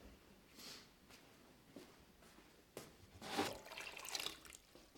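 Water is poured into a cooking pot of fish, after salt is added, in a short, splashy stream lasting about a second. A few soft clinks and handling noises come first. Nobody speaks.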